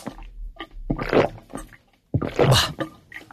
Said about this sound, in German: Jetzt schudert es mich. Wenn jemand laut abschluckt beim Trinken oder beim Schlürfen, das ist wirklich mein Kryptonit.